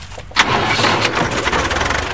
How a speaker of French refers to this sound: Au volant de son petit tracteur